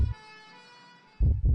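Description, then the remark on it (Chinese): An ambulance siren holds a steady, bright wail for about a second, framed by heavy, booming low thumps at the start and end. “郑州十辆汽车因不给救护车让行受到处罚。”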